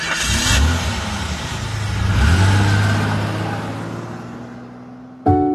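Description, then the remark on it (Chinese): A car engine revs up twice with a rising, throaty pitch, then settles into a steady drone as the vehicle pulls away, ending with a sudden sharp clunk. A Ukrainian man drives off in an unattended car found parked outside a shop with the key left in it. “此时他忽然看见附近商店前停了一辆无人但插着钥匙的车，他心急地想等待车主现身，但最终没人出现，于是他决定把车开走。”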